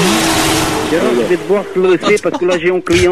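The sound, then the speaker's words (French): A voice imitates a racing car engine, buzzing and revving in choppy bursts that rise and fall, loud, with broad noisy hiss underneath at the start. “Ouais non mais c'est bon là, on arrête avec les bruits de moteur.”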